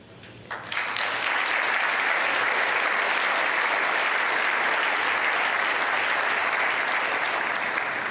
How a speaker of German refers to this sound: Das ist echt anders als im Weltspiegelstudio, wo man ein bisschen alleine steht. Und hier sind so viele Menschen und klatschen.